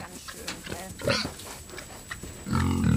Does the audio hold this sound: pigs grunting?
yes